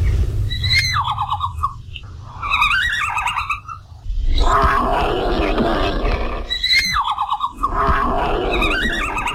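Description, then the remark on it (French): Red panda calls: high, squealing, twittering cries in repeated bursts, broken by a harsh, raspy noisy stretch midway, with a steady low rumble underneath throughout. “Voici un petit extrait du cri du panda roux.”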